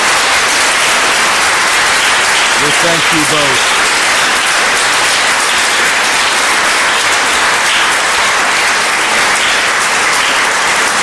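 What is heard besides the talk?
audience applause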